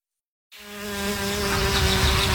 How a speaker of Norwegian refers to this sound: Sommer for meg å la humla suse og livet bruse.